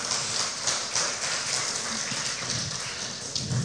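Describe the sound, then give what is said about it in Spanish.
A church audience breaks into sustained, steady applause for God during a sermon, a dense crackle of many hands clapping at once that holds an even, fairly loud level throughout with no voices on top. “Denle un fuerte aplauso al Rey de Reyes, al Señor de Señores.”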